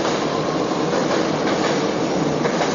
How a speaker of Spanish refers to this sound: Espera que pase el tren, para que pase el subte este.